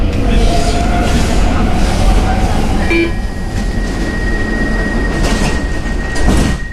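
stockholm metro train running

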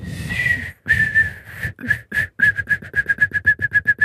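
person trying to whistle

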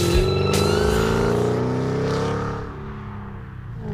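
car engine revving

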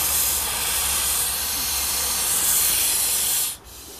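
steam engine hissing

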